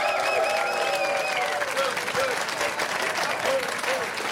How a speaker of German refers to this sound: Kirsten Fuchs ist heute dabei. Applaus für Kirsten Fuchs.